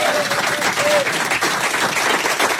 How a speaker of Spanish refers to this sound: Primero, gracias a ustedes, fuerte el aplauso por ustedes por haber venido.